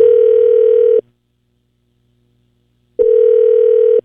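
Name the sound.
telephone ringback tone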